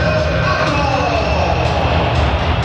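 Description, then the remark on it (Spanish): A large stadium crowd applauds Real Madrid goalkeeper Courtois as his name is announced over the PA, a dense, loud wash of clapping and crowd noise that holds steady without a break for the whole few seconds. “¡Aplausos para Courtois!”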